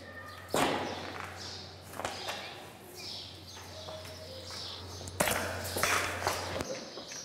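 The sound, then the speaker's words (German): A sharp, sudden pop of a tranquilizer dart fired by a veterinarian and striking an animal in the thigh, followed a few seconds later by another crisp impact, over a steady low hum and faint birdsong. “Ein Treffer im Oberschenkel.”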